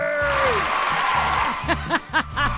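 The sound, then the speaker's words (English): A studio audience breaks into steady applause, a dense wash of clapping with voices rising into cheers and whoops toward the end. “Oh, come on, the studio crowd's already excited. I pay you more than that.”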